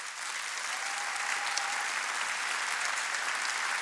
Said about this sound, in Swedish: Tack så jättemycket. Ge dem en varm applåd.